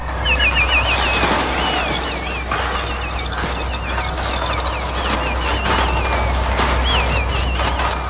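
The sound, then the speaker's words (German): Electronic bird effects played on a Trautonium, the instrument used for the birds in Alfred Hitchcock's film The Birds: a dense flurry of shrill, sliding chirps and warbling cries layered over a steady low hum and flapping-like rustle, continuous and loud throughout, with no voices. “Sie waren keine Vögel, sie waren ein Trautonium.”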